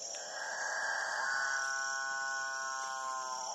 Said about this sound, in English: apparently irresistible noise attracts the female capuchin birds, which jostle each other ruthlessly in the quest to get close to the studliest of the displaying males. That alpha male, with the best singing technique, will be the only one to mate.